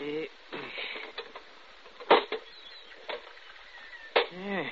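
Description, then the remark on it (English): A small, brick-sized rusted iron box, found in a demolished chimney, its lock rusted away, being pried open with a pinch bar: several sharp metallic knocks and scraping strains, with a creaking squeal near the end and faint voices underneath. “There was a lock there, but it's rusted away. Hand me that pinch bar.”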